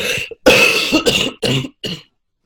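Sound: cough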